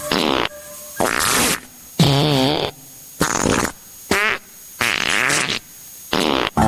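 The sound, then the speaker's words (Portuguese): A loud series of about seven farts in quick succession, some short and sputtering, others longer and buzzy with wavering pitch, separated by brief silences and no talking. “Faça agora uma sessão de peidos e tente imaginar o cheiro.”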